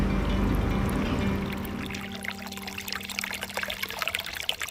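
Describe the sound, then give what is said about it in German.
Water trickles and splashes steadily, a continuous burbling from a small brook on the shore of the Simsee lake, with reeds nearby, and a low rumbling undertone at the start that fades away. No voices are heard. “Umgeben vom Schilf auf der einen und dem plätschernden Bach auf der anderen Seite sitzen wir am Ufer des Simsees und schauen aufs Wasser.”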